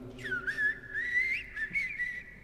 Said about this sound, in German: Und dann erwacht die erste Amsel.